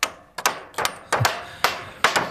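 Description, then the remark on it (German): Hammer blows strike in a steady, slightly uneven rhythm, about six sharp metallic-wooden impacts in quick succession, fairly loud, each with a brief ringing decay, as browsing-protection fences are built to protect young deciduous trees at a forester's district in Drei Annen Hohne in the Harz, Germany. “Beim Revierförster in Dreiannenhohne, da werden Verbisszäune fertig gemacht, um die jungen Laubbäume im Harz zu schützen.”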